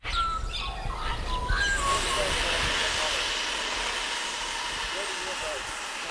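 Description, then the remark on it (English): A faint whine of model airplane engines drifts and shifts in pitch over a steady outdoor hiss, with birds chirping now and then, especially early on, heard on a Saturday morning at a semi-rural property in Valdora on the Sunshine Coast. “No, it's not mosquitoes, that is model planes.”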